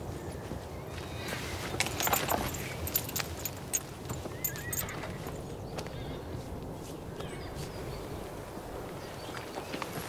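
A horse's hooves clip-clop in an uneven series of sharp knocks, with a brief whinny and some clatter over a steady, busy stable background. No one speaks.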